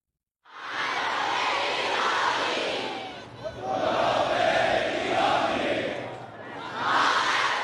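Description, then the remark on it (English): Thousands of mourners in Tehran for Ayatollah Ali Khamenei chant loudly and continuously, with chest beating and chants of revenge, the massed voices rising and falling in broad waves with brief dips between surges, filling the whole scene. “There was chest beating and chants of revenge, revenge, with red flags carried by many in the crowd, a symbol of that emotion in Shiite Islam.”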